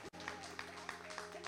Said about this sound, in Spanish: ¡Fuerte aplauso para él!